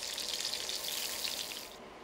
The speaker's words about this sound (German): In der heißen Pfanne, mit Rapsöl versehen, dürfen die Rehrückenmedaillons resch von beiden Seiten anbraten. Auch der Pancetta-Mantel wird schön kross.